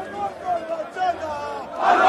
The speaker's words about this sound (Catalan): Milers d'aficionats del Barça han celebrat fins ben entrada la matinada a la plaça Catalunya de Barcelona el campionat de Lliga.